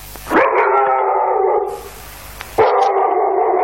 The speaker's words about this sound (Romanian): Câine, câine, pleacă de aici!